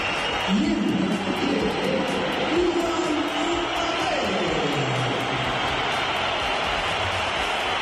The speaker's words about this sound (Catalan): Aquesta és la xiulada i l'esbroncada que va rebre el nom de Kylian Mbappé quan es va pronunciar el seu nom ahir al Bernabéu.